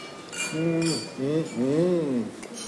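Wine glasses clink together a few times in quick, bright chimes during a toast, mixed in with voices speaking over them.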